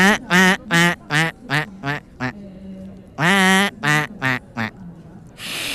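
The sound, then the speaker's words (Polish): A person imitates a mallard duck, giving a loud run of nasal quacks in two rapid bursts with a short pause between, then a faint breathy hiss at the end. “kaczka krzyżówka”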